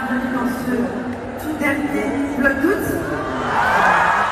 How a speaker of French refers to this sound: Foule en délire hier soir dans un Accor Arena plein à craquer, venu acclamer l'impératrice de YouTube, Léna Situation.